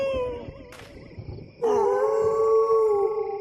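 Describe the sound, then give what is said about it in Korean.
Several animals break into a loud, sustained howl in response to a person's yodeling song, after a brief quieter stretch, their wavering tones layered together and holding steady to the end, with no talking. “내가 노래만 하면 울부짖네.”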